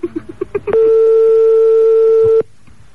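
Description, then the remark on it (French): A modern electronic telephone ringtone: a quick run of six short, bright beeps, then one loud, steady tone held for nearly two seconds before cutting off abruptly. No voices. “La bruitage sonnerie moderne.”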